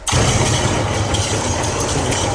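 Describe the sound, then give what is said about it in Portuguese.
A loud, continuous rumble of thunder that starts abruptly and holds steady, a deep roar with a harsh, noisy top and no voices over it. “Mas isso, o seu talento não é um bocado estranho neste barulho dos trovões?”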